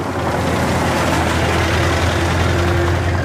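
A car engine rumbles loudly, a steady low drone that holds at an even level throughout, with no voices, as a car drives up and stops in front of a convent of the Sisters of Charity in the village of Ooijen on a cold early morning.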